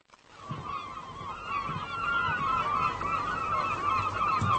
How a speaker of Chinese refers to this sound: 捕虾笼是空的，那么是什么引来了成群的海鸥？它们为什么突然围着渔船飞呢？